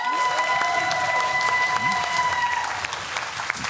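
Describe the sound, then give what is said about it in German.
A TV show studio audience of 42 people seated behind Judith and Elton applauds and cheers, a dense, steady wash of clapping that holds loud throughout, with a few sustained high tones running underneath for the first two and a half seconds. “Aber die sind laut wie 58.”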